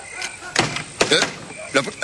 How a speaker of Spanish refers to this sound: ¡La puerta se ha cerrado! Intentaré más fuerte. ¡La maldita me ha dejado afuera! ¡Ábrame pronto!